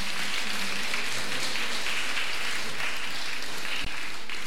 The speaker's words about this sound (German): Applaus bitte.